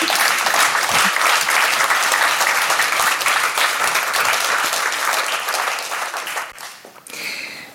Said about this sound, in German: Applaus für euch. Dankeschön.